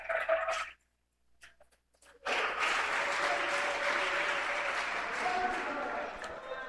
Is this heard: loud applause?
yes